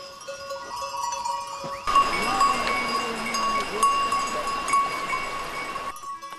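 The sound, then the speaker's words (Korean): Goats bleating over a steady jangle of livestock bells, with a wavering bleat rising briefly amid the continuous clanking before the sound cuts off. “염소는 경계심이 강하고 호기심이 많습니다.”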